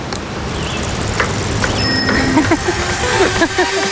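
Bicycles riding along at the 44th Tri srca Radenci recreational cycling marathon in Radenci, under a steady, dense rumble, with freewheels ticking and occasional sharp clicks, and a faint murmur of voices in the background.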